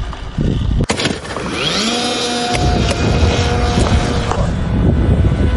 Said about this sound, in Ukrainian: А починається все у чистому полі. Група аеророзвідки зі спеціальної катапульти запускає ось цього дрона.